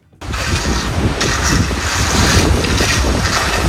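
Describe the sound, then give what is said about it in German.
Gusty outdoor wind roars steadily while rolled turf is laid, with a rough scraping and rumbling texture underneath as the turf is raked, rolled out, and a heavy roller passes over it; no one speaks. “Da geht der Wind, da wird gerecht, Rasen ausgerollt, drüber gerollt mit einer Walze.”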